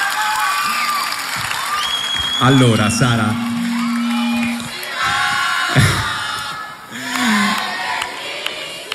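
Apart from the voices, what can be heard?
audience applauding and cheering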